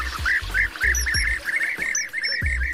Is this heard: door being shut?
no